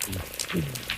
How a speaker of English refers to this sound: My favorite sound is definitely the black rockfish.